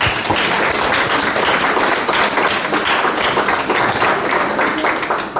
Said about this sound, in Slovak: Veľký aplauz, tak, správni.